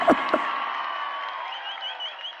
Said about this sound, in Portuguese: Salve de palmas essa mulher aqui, meu irmão.